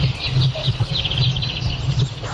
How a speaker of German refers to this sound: Hier ein bisschen Morgenvögel-Sound eingefangen von Popnachtshörer Didi auf Rügen.